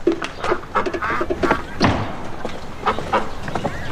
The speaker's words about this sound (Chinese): 这是喂鸭子呢。 吃饭，过来过来。